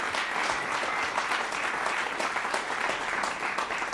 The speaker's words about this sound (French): Je peux l'applaudir très fort.